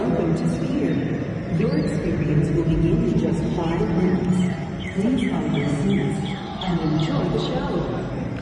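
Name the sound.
birds chirping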